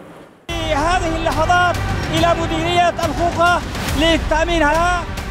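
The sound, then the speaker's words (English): A crowd chants and shouts loudly and continuously while sharp gunshots crack out irregularly through the din, several scattered bursts of celebratory gunfire as Houthi fighters celebrate their push into Yemen's western coast after seizing ground around Mocha and Tubab. “Gunfire, chants, and scenes of jubilation.”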